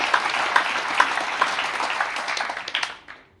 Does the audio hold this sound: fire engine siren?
no